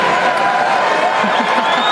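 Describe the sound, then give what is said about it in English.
A crowd at the 2026 NHL Draft cheers loudly and steadily for about two seconds as Layla Edwards is welcomed back to make the San Jose Sharks' selection: a dense roar of many voices mixed with what sounds like clapping, with no clear words standing out. “It's a good crowd. Really good crowd.”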